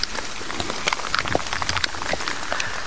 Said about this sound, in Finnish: Vähän vielä vettä vihmoa täällä Venlojen viestissä. Vesisade, se on ehkä hienokseltaan laantunut, mutta toki nyt useamman tunnin vettä reilummin tuli, niin on aika paljon.